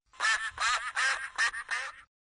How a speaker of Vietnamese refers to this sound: Con có biết chú vịt con kêu thế nào không? Nó kêu.